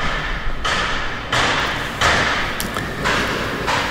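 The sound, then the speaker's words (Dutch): Loud, continuous renovation noise from neighbours, with repeated knocking and a grinding, drill-like roar, the bursts coming at a steady rhythm, with no voices. “Aanhoudend geluid van verbouwingswerken, geklop en geboor”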